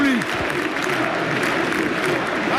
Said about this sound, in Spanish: Una copa pequeña conmemorativa la levanta Flick y el público. Escuchad cómo rompen aplauso.